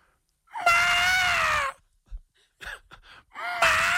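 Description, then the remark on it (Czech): On the Evropa 2 morning show, a human voice imitates the bugle of a wapiti (elk): a long, rising-then-sustained high-pitched whistling squeal, a few short huffs and grunts, then a second squeal beginning. “A teď, jestli bys nám ukázal ten druh, teda jak houká vapity.”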